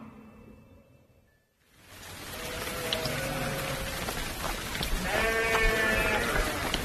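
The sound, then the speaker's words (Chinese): Sheep bleat in wavering, quavering calls over a steady wash of falling rain, the bleats repeated, after a brief quiet start. “下雨了，我家羊喝饱了肚子，就不会跑去你家喝水了。”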